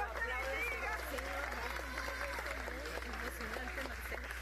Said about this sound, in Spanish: Los aplausos en San Bernardino, en el área metropolitana de Caracas, donde 30 horas después rescataban con vida a un joven.